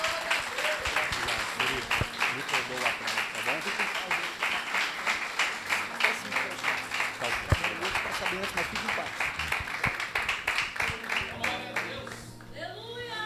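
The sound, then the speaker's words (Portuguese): A church audience applauds loudly to receive a preacher, a dense wash of clapping with a steady pulse, carrying on for about twelve seconds over crowd voices before thinning out at the end. “Vamos receber o servo do Senhor aplaudindo bem forte a Jesus”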